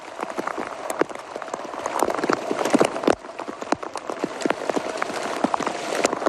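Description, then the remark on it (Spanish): Hail pelting a French asphalt road and the riders during a cycling race stage broadcast by Eurosport: a dense, continuous clatter of sharp, hard impacts at an irregular rapid rhythm, fairly loud throughout with a brief lull about halfway, and no voices. “Escuchan, es un sonido de Eurosport, en la transmisión de la etapa, cómo cae el granizo en la carretera francesa.”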